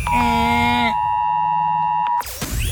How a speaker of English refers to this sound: And then later on in the show, everyone is still talking about it. That's right, the Oz Alert Alarm.